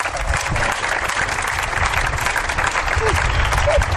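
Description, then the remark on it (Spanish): An audience at the radio show Hora 25 breaks into sustained applause for three drag performers from Gran Canaria, a dense wash of clapping that stays loud and steady throughout, with faint voices and a whoop or two rising from the crowd. “Un aplauso para las tres.”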